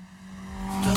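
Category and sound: vehicle, car accelerating past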